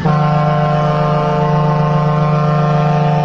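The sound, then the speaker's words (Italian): A single loud, sustained horn blast, deep and steady like a ship's or truck horn, holding its tone without a break for several seconds. No voices are heard over it. “Volevo mandarti questa trombata perché te la meriti tutta.”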